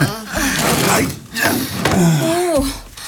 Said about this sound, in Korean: 저 세탁기는 돌려놨어.